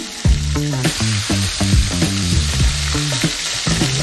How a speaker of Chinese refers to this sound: 新鲜的五花肉和满满的大蒜一起下锅，不加油，再盖一个戳子，两个戳子形成 AB 锅，在火上反复翻烤，充分煸出五花肉自身的油脂。